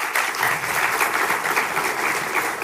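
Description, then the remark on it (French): A conference audience claps steadily to thank the conference hosts, a dense, even wash of many hands applauding at a sustained loud level with no voices over it. “Je vous propose qu'on les applaudisse une nouvelle fois.”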